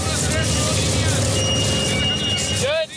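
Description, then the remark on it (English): A heavy tractor engine rumbles loudly and steadily, a deep continuous drone with faint higher whines running through it before it drops off at the end, as the tractor revs up to help roll long strips of cut sod during a night grass harvest for the World Cup stadium in Seattle. “A tractor revs up to help roll them.”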